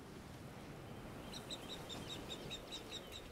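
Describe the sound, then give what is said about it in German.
An adult female marsh harrier, the mother of chicks being ringed below, calls from overhead in a quick, steady series of about ten high, thin cries, each clipped and evenly spaced, over a constant rush of outdoor background noise. “Das Schreien.”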